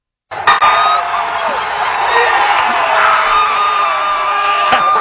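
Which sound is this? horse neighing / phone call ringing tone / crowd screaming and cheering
crowd screaming and cheering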